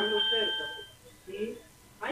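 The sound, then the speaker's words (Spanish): A mobile phone's earthquake alert alarm sounds as a steady, ringing electronic tone that fades after about a second, followed by brief voices talking as a girl picks up the phone. “¿Sonó la alarma en el telecelular? La chica coge el teléfono.”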